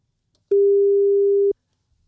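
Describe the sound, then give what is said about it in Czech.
A single steady ringback tone, the low electronic beep heard while a phone call connects, as a radio host phones a contest winner, lasting about a second, loud and clean, surrounded by silence with no voices. “Dneska to bude telefon.”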